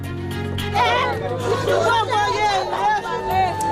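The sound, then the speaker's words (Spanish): Several residents of Kenkov, east of Port-au-Prince, Haiti, cry out and wail at once after a new attack by armed gangs. The loud, anguished jumble of voices has high wavering shouts overlapping continuously above a low steady hum. “Son los gritos de desesperación de los vecinos de Kenkov, al este de Puerto Príncipe, tras un nuevo ataque de bandas armadas que ha dejado al menos una veintena de víctimas esta madrugada”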